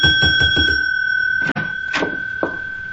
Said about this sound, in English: Easy on the bell, senor. You're spreading a bad impression, especially with the management.